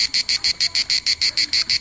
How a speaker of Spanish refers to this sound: Sonido de la chicharra. A ver.